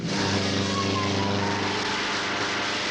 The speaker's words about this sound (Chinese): 杜秋开动了发动机，终于从要阻拦他的警车上面腾空飞起。